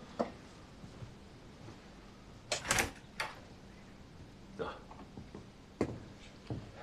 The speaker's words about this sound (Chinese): 谁呀？ 我，开门。